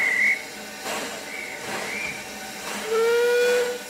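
A steam locomotive on a single-track, narrow-gauge heritage railway sounds its whistle in a few shrill tonal blasts, the last one long and steady, over a constant broad hiss of escaping steam, loud, with no voices.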